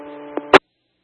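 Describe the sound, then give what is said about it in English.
A steady, buzzy electronic alarm tone from an audible alarm going off at a residence drones for about half a second, broken by a faint click, then cut off by a sharp burst of static followed by silence. “This is an audible alarm going off here at the residence.”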